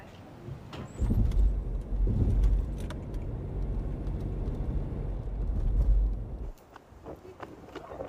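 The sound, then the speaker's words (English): A car engine rumbles for several seconds, then shuts off, leaving a quieter space with light clicks and faint jangling, like a vehicle pulling in and parking in Texas. “Please, park your car and let's go.”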